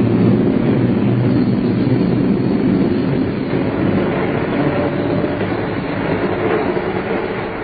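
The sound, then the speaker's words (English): A train runs steadily along the rails, a loud, continuous low rumble with a faint rhythmic clatter, with no voices. “Yes, time drags on a train.”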